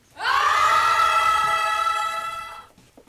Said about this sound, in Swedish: Nu har Svenska kyrkan i Härnösand en kampanj som kanske kan råda bot på det här, men på ett annat sätt. De uppmuntrar unga att skrika i kyrkan så att det hörs till himlen. Kan lyssna hur det lät när SVT var där.